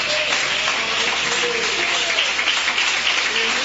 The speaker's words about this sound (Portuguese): Pode assentar, irmãos, e bater as palmas para Jesus bem forte.